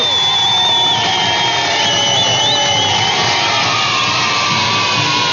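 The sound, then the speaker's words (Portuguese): A loud, dense wash of audience noise fills the whole stretch, with cheering and clapping blending into a steady roar and some high, whistle-like shouts rising over it. “Palmas pra quem acertou, palmas pra quem participou.”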